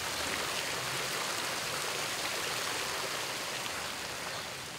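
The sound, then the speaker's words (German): Water from palace park fountains splashes and hisses in a steady, continuous rush, fairly loud, with no pauses or distinct individual drops and no voices. “Aufwendig gestaltete Brunnen, Becken, Wasserfälle und Kaskaden sollen zum Lustwandeln anregen und ein Sinnbild dafür sein, dass sich die Natur dem fürstlichen Willen zu beugen hat.”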